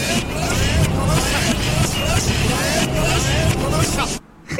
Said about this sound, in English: That bus bell. That's just the bus bell. Fuck off, bus.